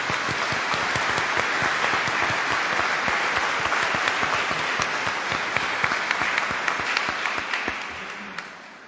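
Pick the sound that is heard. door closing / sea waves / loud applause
loud applause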